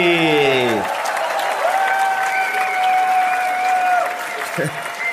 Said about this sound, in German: Einen riesen Applaus für Achim Petri.